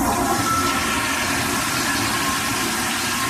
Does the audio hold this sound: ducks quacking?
no